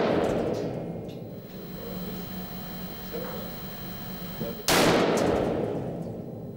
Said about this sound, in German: Diesmal spielt er einen Gangster mit Pistole. Das Glas zerspringt, aber die Kugel geht nicht durch.